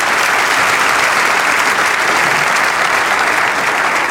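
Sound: audience applauding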